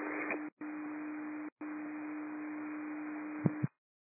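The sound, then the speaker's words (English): Fire dispatch alert tones: a steady, mid-pitched alert tone over a hiss of radio static, broken by two brief gaps into three long stretches, ending with a couple of sharp clicks before cutting off. “Let's go turn off secondary tones.”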